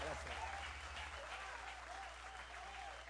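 Steady audience applause fills the space, a dense wash of many hands clapping at once, sustained and fairly loud throughout with a slight fade toward the end.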